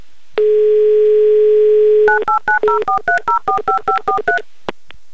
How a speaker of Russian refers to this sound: Я набираю ваш номер.